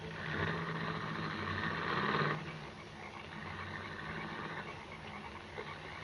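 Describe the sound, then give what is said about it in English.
A low, rumbling car engine idles steadily for a couple of seconds in the rain, then the sound drops away as the car drives off, leaving a softer steady hiss of rain. “Come on, drive on, will you?”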